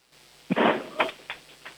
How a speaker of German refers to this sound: So, und dann hätte ich jetzt gerne, dass du mal eine Tür nimmst und sie so richtig zuknallst, dass wir sie hören. Okay. Vielleicht die Eingangstüre, die ist ein bisschen schwerer, die hören wir besser.